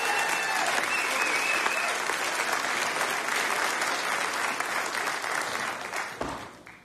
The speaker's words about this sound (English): That was …, everybody. One more big round of applause.